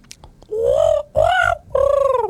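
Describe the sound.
A person imitates a magpie call with three drawn-out, warbling vocal cries in a row, each about half a second long, fairly loud, with no talking.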